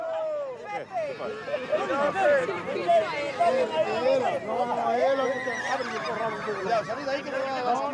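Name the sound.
horse whinnying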